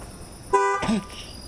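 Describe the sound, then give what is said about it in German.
A single short car horn honk from a Dodge with nobody inside, loud and lasting about a quarter second, immediately followed by a brief vocal sound over faint background noise. “Da ist das Hupen wieder.”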